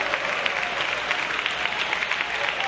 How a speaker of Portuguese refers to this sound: Eu quero ouvir palmas e glória a Deus. Aleluia.